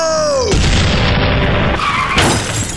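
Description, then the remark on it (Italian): A descending whistle drops into a loud explosive boom, followed by harsh, noisy crashing and skidding, then a second heavy impact, as a ship's cannon fire bombards a car on a highway and the driver is thrown out of the car onto the asphalt. “Iniziano a bombardarlo e finisce sbalzato fuori dalla macchina finendo a nuotare sull'asfalto.”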